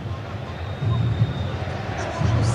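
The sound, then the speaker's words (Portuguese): A stadium crowd roars steadily, with two louder swells of low, chanted shouting as fans call out the name of the player Reinier in unison. “Quem mais tá gritando ali?”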